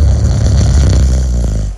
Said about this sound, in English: Yay, are you living with the Queen City's loudest snore?